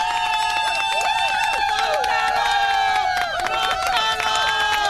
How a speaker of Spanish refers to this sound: Oh, wow. Mega. Un aplauso. Wow. Wow.